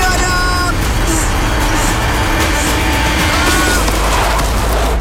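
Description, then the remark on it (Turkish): A car whose driver has lost control roars along with a loud, steady low rumble and a rising, whining engine tone. Faint voices come through underneath. “Arabanın kontrolü şu anda benden çıktı ama korkmayın.”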